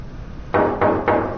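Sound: knocking on a door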